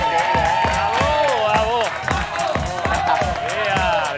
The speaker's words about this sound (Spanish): ¡Ole! ¡Increíble, eh! ¡La pasada! ¡Bravo! Y este era lo de hoy. ¡Se merece un aplauso, no!